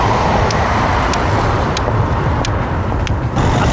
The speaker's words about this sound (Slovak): Ukážka taká, že veľmi prudko zastavil, čo je veľmi nepríjemné pre človeka, ktorý ide s paličkou, lebo počuje ten zvuk, zrejme motora si počul.